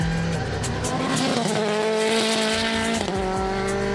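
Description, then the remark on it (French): A race car built with rally technology screams at high revs, loud, with a rapid juddering rumble underneath as the tyres run over circuit kerbs; a brief gear shift near the end, no talking. “Au niveau des vibreurs, la voiture absorbe beaucoup mieux les vibreurs qu'une incendie GT4 de route.”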